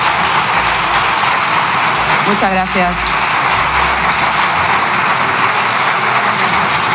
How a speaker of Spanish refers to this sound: Me ha cogido gusto aplaudir los diputados en esa cámara últimamente, ¿eh?